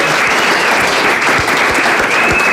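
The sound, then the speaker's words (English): A live audience at a News Talk radio broadcast in Ballykilcavan, Laois, claps steadily and loudly, a dense wash of hands for a few seconds with no voices standing out. “Just one more round of applause please.”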